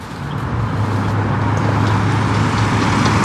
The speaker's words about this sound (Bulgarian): И в момента трафика по автомагистрала Хемус в посока изход от София е засилен, както може да видите и зад мен. По данни на Националното тол управление, само за последния час от тук са излезли над 3500 автомобила.